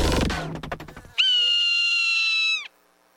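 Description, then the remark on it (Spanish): A Swainson's hawk (Buteo swainsoni), a migratory raptor of the Americas, gives one long, high, piercing scream that holds steady for over a second and then slurs downward as it fades, following a brief burst of crackling, rustling noise. “La aguililla de Swainson, Buteo swainsoni.”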